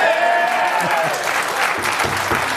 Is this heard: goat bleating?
no